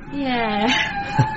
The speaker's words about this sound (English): Oh, well. At least my sound system's still working. Yeah, what is that? Whales mating. Oh, right. Whale song calms me down. I'd be a wreck otherwise. Sounds like my mum. Sorry? Not mating, singing.